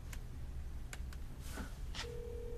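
A phone being dialed to call a boss's driver: several short, sharp button beeps at an uneven pace, then a steady low electronic tone holds to the end over a faint background hum. No one speaks.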